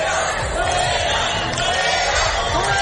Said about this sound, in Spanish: Son los abucheos a la ministra de Seguridad Social y de Migraciones, la señora Alma Saiz, que ayer se encontraba en Melilla con motivo del Día de Melilla.